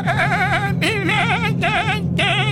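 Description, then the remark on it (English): A person imitates a baby goat with four loud, high, quavering bleats in quick succession, each with a shaky, trembling pitch and short breaks between them. “Billy goat sounds a little grown. Can you make it sound like a baby? It's got to be a little higher.”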